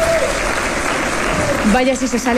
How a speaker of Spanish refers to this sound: de la Comunidad de Madrid quiso dejar un mensaje de esperanza al público que ahí estaba congregado y que recibió con aplausos y entusiasmo.